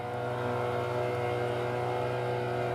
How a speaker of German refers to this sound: Wir lösen uns jetzt vom Anker. Und dann können wir starten. Zack. Mit 8 PS geht es langsam los. Fast 40 Jahre alt sind die Motoren.